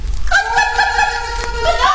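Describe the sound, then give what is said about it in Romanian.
Voices imitate hens clucking, a drawn-out, wavering series of nasal bird-like calls that carries on steadily at moderate loudness, with low rumbling underneath. “Parcă aud cotcodăcii de găini.”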